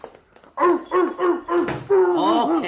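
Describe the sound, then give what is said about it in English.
A dog at the door, wanting to be let in, barks four times in a quick, evenly spaced run, then lets out a longer whining yelp. The barks are loud, with faint thumps underneath. “Oh, let the poor animal in.”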